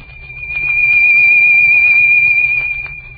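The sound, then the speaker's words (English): A single steady high-pitched tone, whistle-like and held at one pitch for about three seconds, swelling louder toward the middle and easing slightly at the end, with a faint low hum beneath; a demonstration of how a sound wave rises and swells. “A sound wave will rise and swell something like this.”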